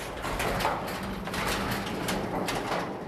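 A metal garage door with steel wheels is pulled up by hand, rolling upward with a continuous metallic rumble and rattle, the steel wheels grinding along the tracks for several seconds at steady, fairly loud volume.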